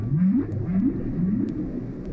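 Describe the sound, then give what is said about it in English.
Humpback whale song: a series of low, rising moaning calls repeating in a slow rhythm over a deep, rumbling underwater background, with no voices present. “Such an incredible sound.”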